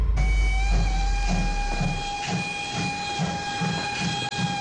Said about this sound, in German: Mit einer Dampflokomotive. Alle an Bord!